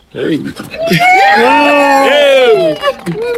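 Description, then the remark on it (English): A group of voices bursts into loud, sustained cheering and whooping after a countdown as they step over a threshold and out a doorway into a beam of light. Rising pitches overlap for about three seconds before trailing off with a few scattered shouts. “And so I'm going to do a countdown, and we're going to step over and we're going to cheer, and you walk the beam of light and out the door and into this new season in your lives.”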